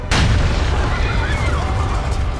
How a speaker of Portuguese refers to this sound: A 200 metros ouve-se um estrondo. É mais uma bomba, a quarta. Agora posta debaixo de um banco de jardim.